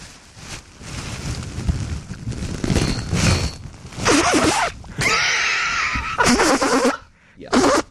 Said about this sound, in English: Number three on the list of the top six ASMR sounds that got me banned from my YouTube account, ASMR YouTube account, I was blowing my nose.